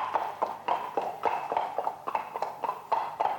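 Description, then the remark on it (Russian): Horse hooves clip-clop in a steady, brisk rhythm, each hollow knock crisp, with no voices over the trotting, as a rider's horse sets off. “Ну, мой конь, поехали.”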